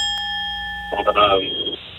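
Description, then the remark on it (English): A bright bell rings once and its clear, steady tone hangs in the air, fading slowly as a man's voice starts talking over the last second. “Like to hear the bell.”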